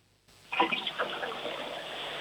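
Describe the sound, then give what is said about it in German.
A toilet flushes: a brief click, then a sudden loud rush of water that swirls and keeps gushing steadily to the end, with no one talking. “Ja, das war eine tolle Klospülung, muss man schon sagen.”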